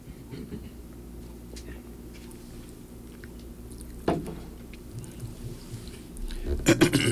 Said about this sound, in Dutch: Even nog een slokje hier van mijn aloe vera.